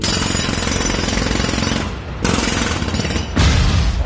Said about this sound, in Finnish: Radionovan juontajat lähtevät päiväksi kesätöihin. Miten … pärjäisi katuporan varressa